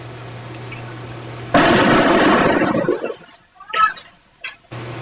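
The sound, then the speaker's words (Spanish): Molotov cocktails bursting during an attack on a school, recorded from a workshop next to the school: a sudden loud whoosh cuts through a steady low hum and fades over a second or so, then a couple of smaller, fainter pops follow. “Justamente escuchan las bombas Molotov que llegan.”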